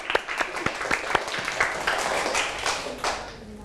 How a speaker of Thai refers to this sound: ขอปรบมือให้ตนเองอีกครั้งครับ